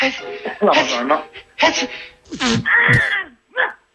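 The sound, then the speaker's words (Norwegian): A person fakes a sneeze, imitating the sneezing dwarf from Snow White: drawn-out, wailing vocal sounds build up to a sharp, loud burst, followed by a couple of short breathy trailing noises. “Jeg må høre på nysen en gang, da.”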